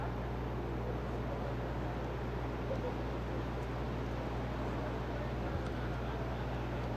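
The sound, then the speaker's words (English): Rain falls in a steady, unbroken hiss over a sparse ballpark crowd at a Rumble Ponies baseball game, with a constant low hum running underneath and no distinct voices standing out. “The sound of the rain is something with that, with this light of a crowd here.”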